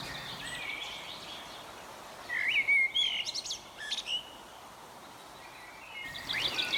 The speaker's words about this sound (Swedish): Hör du fågelsången i bakgrunden?